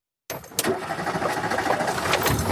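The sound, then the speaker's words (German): A Renault 4 car engine runs after a brief moment of silence at a weekend gathering of Renault 4 fans in the Spessart, its loud, steady rumble pulsing with a quick rhythmic chug throughout. “Der Renault 4, eine Leidenschaft auf zwei Achsen und vier Rädern.”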